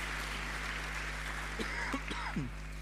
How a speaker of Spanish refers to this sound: Así que un aplauso a todo el apostolado de la parroquia de Paraguay Chico, de Quillagua y Cuesta la Vaca.